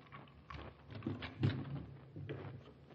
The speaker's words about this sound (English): This is it. Unlock the door.